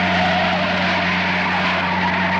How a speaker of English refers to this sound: The truck turned and pulled up in front of a huge abandoned warehouse.